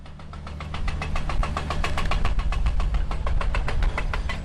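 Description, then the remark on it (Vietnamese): Heavy drilling machinery at a tunnel construction site inside Hoàng Liên mountain, Bình Lư commune, Lai Châu province, drilling into the rock face, hammers away in a rapid, steady rhythm over a deep engine rumble, loud, continuing without pause for the whole stretch. “tiếng máy khoan đang vang lên từng ngày”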